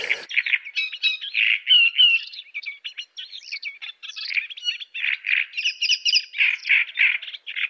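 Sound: great reed warbler song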